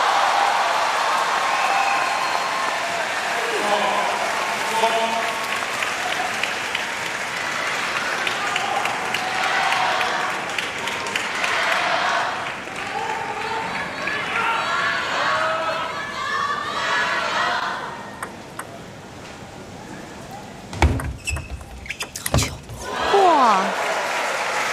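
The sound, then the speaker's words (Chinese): A table tennis crowd applauds both players, Fan Zhendong and Truls Moregård, after a point, steadily and loudly for about twenty seconds with scattered cheers and chatter, then the clapping dies down and a few sharp knocks ring out. “这分给双方都鼓鼓掌啊！”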